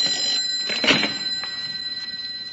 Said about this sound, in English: Pick it up and find out. It sounds like a phone.